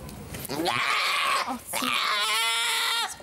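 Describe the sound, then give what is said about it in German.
A male sheep or goat bleats loudly twice in a row as it gets a small needle stick for blood tests for brucellosis and ovine herpes virus. Each call is long, harsh and wavering with a strong nasal quiver, separated by a brief breath. “Kleiner Stich, ein Riesengeschrei.”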